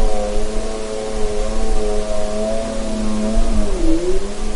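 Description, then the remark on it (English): A snowmobile engine drones steadily with a buzzing, harmonic whine over broad rushing noise, its pitch dipping briefly near the end before rising again. No voices are heard. “And then the third category is anthropophony, and that's human-generated sounds, everything from people talking while they're hiking through an ecosystem to an airplane flying overhead to something like this snowmobile.”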